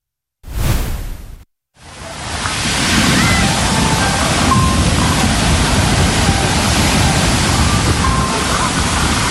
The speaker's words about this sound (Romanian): Au fost valuri și curenți puternici în aproape toate stațiunile de pe litoral.